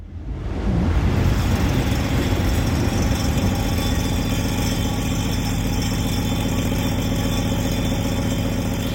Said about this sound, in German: Scheppernder Tisch heißt das Ganze und ich glaube, wir haben da die Bahn, die da vorbei brettert, gehört.